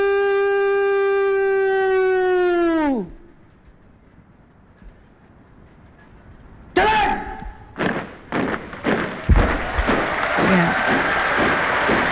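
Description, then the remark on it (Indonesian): A sustained, steady horn-like tone holds, then slides down in pitch and stops. After a quiet pause, a crowd breaks into loud applause, dense clapping with a few swells that continues to the end, at Istana Merdeka in Jakarta after the flag-lowering ceremony of the Red-and-White flag. “Riuh tepukan kini bergema ya di kawasan Istana Merdeka Jakarta sebagai apresiasi atas terlaksananya kegiatan penurunan sang merah putih yang berjalan lancar.”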